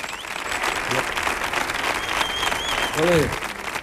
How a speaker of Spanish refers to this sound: os voy a pedir, por favor, un estruendoso y cariñoso aplauso para... … con la maravillosa colaboración de ….